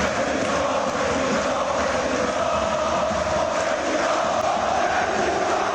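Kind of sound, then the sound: crowd, crowd chanting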